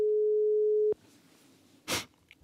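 A telephone ringing tone after a number is dialed by Radio Vorarlberg hosts: one steady, low-pitched beep lasting about a second, then a quiet line hiss and a brief rustling burst of noise. No one speaks.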